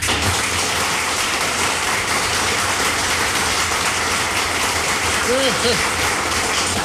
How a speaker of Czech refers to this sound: Přivítáme potleskem Jirku Sováka.